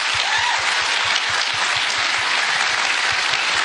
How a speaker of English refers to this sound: Big clap.